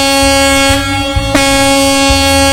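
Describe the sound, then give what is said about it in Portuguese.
A heavy off-road mining truck's air horn, sounded at the Casa de Pedra mine of CSN Mineração in Congonhas, blares in one loud, steady, sustained blast lasting the whole moment, with a deep pulsing rumble underneath and no voices. “Como é que será que é a buzina do fora de estrada?”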